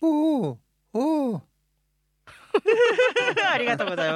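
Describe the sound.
A person imitates an owl in falsetto as a vocal exercise, with two hooting calls, each a smooth rising-and-falling tone separated by a short pause, followed by a brief silence and then talking.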